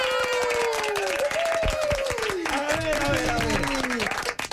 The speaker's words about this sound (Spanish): Por favor, y también del público, un fuerte aplauso en cabina para …. ¡Fuerte el aplauso!